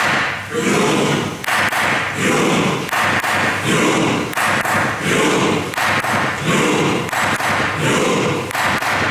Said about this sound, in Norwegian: Jeg vet hvordan dette skal gjøres, ikke sant? Og jeg har klubba. Første slaget kommer.